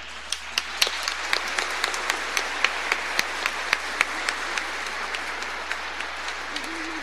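An audience applauds steadily for several seconds, a dense wash of many overlapping hands with sharper individual claps popping out, easing slightly toward the end. No one speaks.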